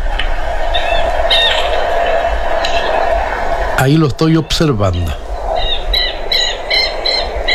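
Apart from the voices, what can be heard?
birds singing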